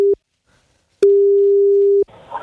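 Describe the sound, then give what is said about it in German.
An outgoing telephone call rings: a steady single-pitch ringback tone sounds twice, a brief clipped end of one burst, then a full one-second tone after a pause, followed by faint line noise. “Dafür müsst ihr nur ans Telefon gehen. So wie Sonja jetzt.”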